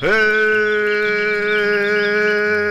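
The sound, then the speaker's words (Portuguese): A berrante cattle horn blown in one long, loud, steady blast, its brassy tone holding the same pitch for nearly three seconds without a break, opening a Monday morning show on Itambé FM 105.9. “Ah, o som do berrante.”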